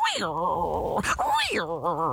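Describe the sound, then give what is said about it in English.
A man's voice imitates a tiger growl, a loud, drawn-out roar with a wavering pitch, briefly broken by a breathy rasp midway before rising again and rumbling on. “Had to give a good, strong tiger growl”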